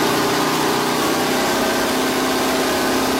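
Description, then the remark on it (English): Bruce McLaren's Can-Am race car engine idles steadily, a dense, constant rumble with bright buzzing overtones and no pauses or revving throughout. “I mean, it even sounds amazing just idling away, doesn't it?”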